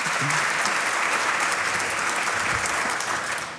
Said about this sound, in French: Oui, on peut les applaudir.